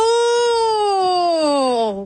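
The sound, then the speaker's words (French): A siren wails in one long, steady, harmonically rich tone that slowly slides downward in pitch over about two seconds, then drops and fades out at the end. “On dirait une sirène.”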